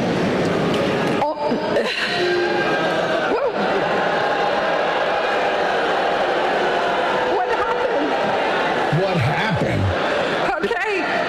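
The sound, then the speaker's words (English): A large crowd of students boos loudly and steadily for about eleven seconds at a speaker saying artificial intelligence is the next industrial revolution, a dense wall of low, sustained jeering voices with scattered shouts rising above it. “Yes, well, they're all booing her because right.”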